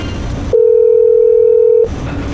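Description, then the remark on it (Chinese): A single steady electronic ringback tone of an outgoing phone call to a manager sounds for just over a second, clear and fairly loud, with a faint noisy background before and after it. “要不这个工作人员，帮我打个电话给袁经理问一问情况。”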